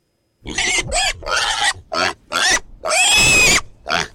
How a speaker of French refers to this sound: Je suis sûr que c'est un cochon, reprend Élie.